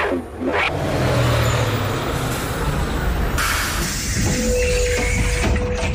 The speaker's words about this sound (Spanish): Ese es el autobús que me lleva al cole. Me tengo que ir.